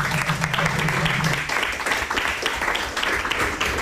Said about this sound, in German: Oh, Schule mit Herz, Klasse 9a, Spitzenklasse steht hier schon mal. Es gibt Applaus.